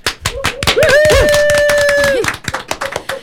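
A small group of studio guests in a very small, windowless room claps energetically to welcome the show, quick uneven claps filling the moment, while a long sustained whoop or whistle rings over the middle before the applause thins out.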